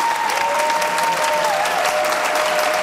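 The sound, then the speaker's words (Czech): Dense, sustained, enthusiastic applause from a full hall sends off a 76-year-old comedian after a screening of Švankmajer's film Spiklenci slasti at the summer film school in Uherské Hradiště, a steady wash of many hands clapping at once, loud throughout, with a faint tonal whistle drifting underneath. “Ještě než převzal výroční cenu Asociace českých filmových klubů, pobavil 76-letý komik po projekci Švankmajerova snímku Spiklenci slasti zaplněný sál, který ho vyprovázel nadšeným potleskem.”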